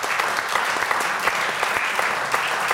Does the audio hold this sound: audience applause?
yes